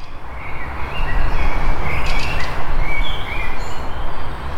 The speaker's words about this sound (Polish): Ćwierkają nam pięknie ptaszki, wiosna przyszła, z nią festiwal. My się spotykamy tutaj, gdzie ten festiwal między innymi będzie się rozgrywał, czyli przy muszli koncertowej w Ogrodzie Saskim w Lublinie.